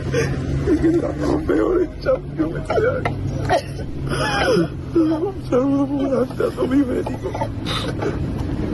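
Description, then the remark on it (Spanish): Footballer Pablo García sobs inconsolably as he leaves Real Betis, with shaky, broken whimpers and catching breaths repeating over several seconds, above a steady low hum in the background. “Roto absolutamente, Pablo García, con esas lágrimas y llorando, vamos, y desconsoladamente el chaval.”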